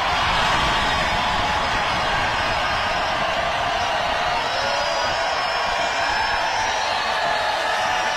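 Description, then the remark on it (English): A large crowd cheers at a rally in Grand Rapids, a dense, steady roar of many voices holding at a fairly loud, even level for several seconds, with no single speaker standing out. “The question is, how many of the people cheering were here legally?”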